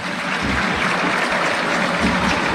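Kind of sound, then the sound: crowd, stadium crowd applauding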